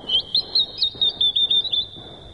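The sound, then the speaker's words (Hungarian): A small bird sings a quick run of high, thin chirping notes, about nine short bursts in an uneven rhythm, clear over a soft background hiss, deep in a forest. “Épp ide fog szállni ez a kismadár. Tudja, hogy a vonat megáll az erdő mélyén, és ha dalt hallok...”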